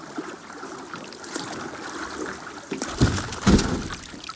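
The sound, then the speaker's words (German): A boat capsizes into water with an anthropologist and the filmmaker Mettler, who is filming, aboard mid-conversation: steady churning and trickling, then two heavy, loud splashes in quick succession near the end. No one speaks. “Das Unvorhergesehene trifft ein, das Bild wird schwarz, das Boot ist umgekippt mit dem Anthropologen und dem filmenden Mettler darin, mitten in der Konversation.”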